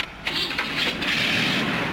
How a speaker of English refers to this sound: As soon as I start the car